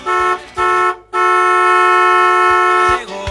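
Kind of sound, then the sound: vehicle, car horn honking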